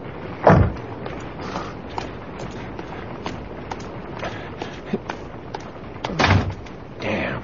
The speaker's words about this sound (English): You didn't have to slam the door.